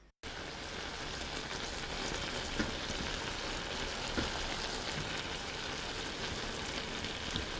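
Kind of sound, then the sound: food or drink, apple pieces simmering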